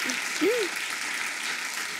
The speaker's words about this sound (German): Und ich werde ja jetzt passend dazu nächste Woche 46. Applaus. Vielen Dank.